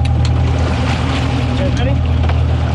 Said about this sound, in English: You're listening to a group of shark researchers on a boat off the coast of Miami. They're trying to get a handle on how shark populations are doing by going out and meeting sharks in person.